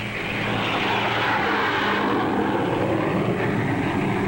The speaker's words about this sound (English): Huge airliners carry into the sky each day an ever larger tonnage of cargoes and passengers. Jet propulsion has made possible extremely high speed.